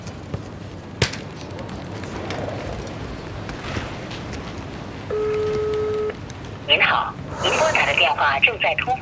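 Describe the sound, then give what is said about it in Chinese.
A single steady telephone call tone sounds for about a second from a call that goes unanswered, over a noisy, murmuring background, followed by bursts of bright chirping near the end. “打电话也不接，发消息也不回，你说他是不是不会来了 呀？”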